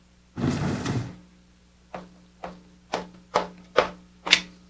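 A chair is dragged away from a window across a floor in one rough drag, followed by six evenly spaced wooden knocks and bumps, moderately loud, with no voices.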